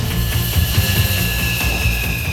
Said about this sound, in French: Les officiers se trouvent ici, à l'arrière du Charles de Gaulle. Il leur donne ainsi les dernières indications pour que l'approche de l'avion à 250 km/h se fasse dans la trajectoire idéale.